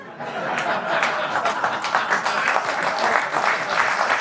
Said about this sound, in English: Oh, key joke. Finally gets applause.